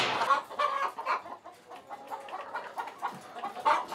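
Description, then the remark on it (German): Several hens in a henhouse with lit laying tiers cluck and murmur continuously, with overlapping short, mid-pitched calls rising and falling in a busy, steady chatter of moderate loudness and no voices. “Dass die Hühner halt immer den Reflex haben, hier wieder herzukommen und nicht draußen irgendwo im Gras die Eier legen.”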